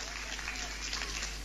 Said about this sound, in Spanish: ¿Vio que algunos no aplaudieron? Son los que dicen nada. La próxima va a aplaudir.